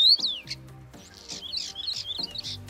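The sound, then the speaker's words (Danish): A European starling sings a busy, rambling string of chirps, whistles and clicks, fairly clear, with low rhythmic rattling notes underneath and no voices. “så kan man ligesom gå ud i foråret og nyde den rigtige stær og dens smukke sang.”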